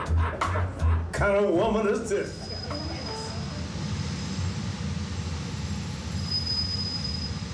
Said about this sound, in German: Dann die schnellste Metrolinie, die sich auf Stelzen durch das Hochhausgebirge schlängelt.